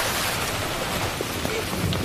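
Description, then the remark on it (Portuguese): A steady, dense downpour in Thailand's rainy season hisses continuously, with a low rumble of thunder running beneath it; no voices are heard. “E sempre tem uma estação do ano em que chove muito.”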